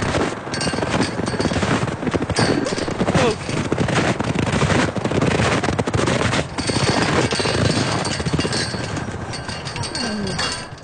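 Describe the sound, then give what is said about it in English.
Strong wind roars and buffets steadily on a spring day at Marion Gulch, a dense rushing noise with rapid gusty flutters and brief surges, staying loud from start to finish. “Sounds from a windy spring day at Marion Gulch.”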